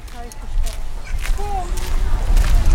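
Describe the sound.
Footsteps of three people walking through a city street toward home in a steady, irregular rhythm over a low traffic rumble, with faint voices and murmurs mixing into the background.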